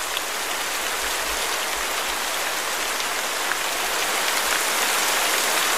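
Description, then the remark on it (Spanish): Steady rain patters on a hard surface, a dense, even hiss of countless drops that stays constant throughout, moderately loud with no voices. “Yo creo que en buen chileno estamos chatos ya con el sonido de lluvia.”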